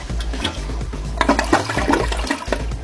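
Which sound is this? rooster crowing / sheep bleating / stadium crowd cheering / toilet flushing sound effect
toilet flushing sound effect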